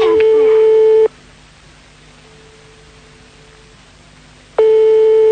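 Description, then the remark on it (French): A telephone rings unanswered on the line: a steady, mid-pitched ringback tone sounds for about a second, then a long quiet gap with faint hum before the tone returns. “Pour l'instant, maintenant, ça sonne dans le vide.”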